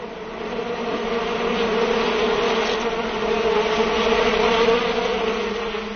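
A dense, continuous drone of many bees buzzing at a bee pond, swelling gently and holding steady for several seconds with no voices.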